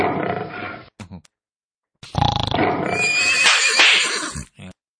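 A horse neighs loudly, a short snort-like burst followed by a long, shrill whinny that rises and quavers before cutting off, with no talking.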